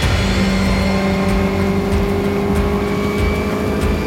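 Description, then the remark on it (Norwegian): A fast motorboat engine roars steadily and loudly at the southern tip of Utøya island, Norway, a continuous throaty drone with a whining edge, with no voices present. “ungdommer til unnsetning, i sin raske båt.”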